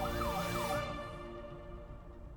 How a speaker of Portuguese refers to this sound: Nem sempre a maior emergência é quando a sirene toca.